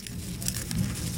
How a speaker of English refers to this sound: That's the sound of a monarch butterfly rustling its legs.